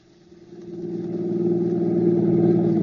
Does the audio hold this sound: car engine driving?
yes